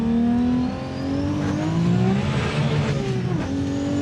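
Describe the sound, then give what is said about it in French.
The engine of a 1600-horsepower Supra revs loud, its deep droning tone climbing and dipping in pitch over a few seconds, with no voices. “malgré les plus de 1600 chevaux, on peut rouler confortablement sans l'effet on-off”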